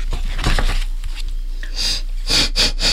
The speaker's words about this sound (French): Reniflant et grognant, la compagnie de sangliers s'arrête près d'une mare. Les adultes labourent le sol de leurs groins, déterrant champignons, tubercules et racines dont ils se régalent.